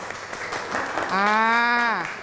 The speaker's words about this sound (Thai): ขอเสียงปรบมือให้กับกลุ่มแรกอีกครั้งหนึ่งครับ